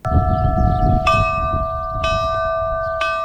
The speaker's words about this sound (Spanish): Campanas que tendrán hoy un papel especial en el eclipse. La Asociación Navarra de Campaneros ha creado 3 toques específicos que van a sonar en el punto de observación del Lerín.